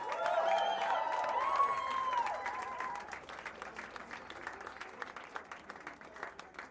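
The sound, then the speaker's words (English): A crowd applauds the backing vocalists at a live music show, with loud cheering and whistles over the clapping at first, then the cheers drop away and a softer, even patter of clapping carries on to the end. “applause for our backing vocals,”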